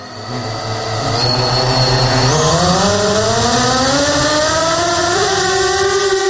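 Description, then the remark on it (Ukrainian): A Sting interceptor drone takes off into the sky over the Chernihiv region, its loud, buzzing motor whine climbing steadily in pitch as it spins up and keeps rising, with no voices. “«Стінг» злітає у небо над Чернігівщиною.”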